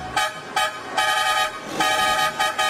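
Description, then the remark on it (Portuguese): A car horn honks repeatedly and loudly, a series of short and longer blasts in an uneven rhythm, with no talking, sounded to celebrate the anniversary of Rádio Catarinense. “Chama na buzina então, meu irmão, chama!”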